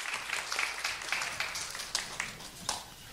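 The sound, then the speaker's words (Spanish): A church audience applauds the Lord after a prayer in a steady, dense patter of many hands clapping, sustained at an even moderate level throughout with no voices standing out. “Denle un aplauso al Señor, se pueden sentar.”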